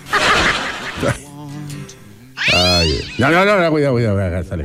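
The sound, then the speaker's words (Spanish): A cat meows loudly, two long drawn-out meows in a row, following a brief burst of rough noise and a lower murmuring sound. “Tenéis unos gatitos, ¿sí?”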